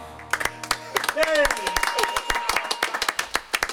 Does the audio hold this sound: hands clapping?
yes